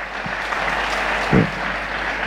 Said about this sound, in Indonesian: Dan itu tidak cukup dengan tepuk tangan.